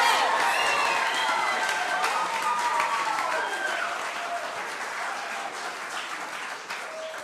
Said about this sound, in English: Everyone, please, a big round of applause